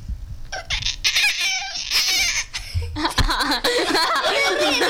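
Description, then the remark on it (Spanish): Kingfisher calls: loud, harsh, rapid chattering bursts with an almost laugh-like, cackling quality, repeating without pause and growing denser in the second half. “El Martín Pescador. Uno de los pájaros con el sonido más aterrador.”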